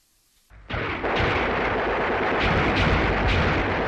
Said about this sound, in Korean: 갑자기 산 아래에서 치열한 총소리, 돌격소리가 터져올라 설산호의 정적을 깨뜨렸다.